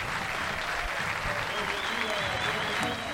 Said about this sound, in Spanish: Se pone de pie la gente para aplaudir a Federico Acevedo. Bueno, que hoy volvió al gol, que acaba de meter una linda asistencia. Merecido el aplauso.